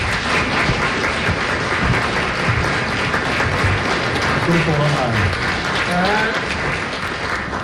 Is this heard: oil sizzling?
no